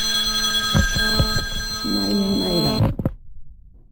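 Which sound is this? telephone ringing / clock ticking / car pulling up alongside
telephone ringing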